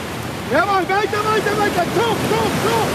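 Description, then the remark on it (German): A steady, rushing wash of ocean surf fills the background at a beach in Long Beach, California, during a training session of the German national coastal rowing team, while voices call out loudly over the continuous roar of the waves. “Und unsere Korrespondentin Antje Sieb hat sie bei diesem außergewöhnlichen Training am Strand besucht.”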